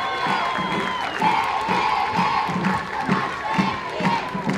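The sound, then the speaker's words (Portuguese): A large crowd cheers and claps loudly and continuously for children of a parents' association as they make their exit, with shouts and whoops rising over a steady wash of applause, energetic throughout. “Os nossos amiguinhos da Associação de Pais do Val São Paulo, de Piado e Salvadinho, que merecem uma grande, grande, gigante salva de palmas!”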